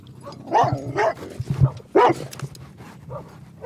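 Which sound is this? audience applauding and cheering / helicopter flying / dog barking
dog barking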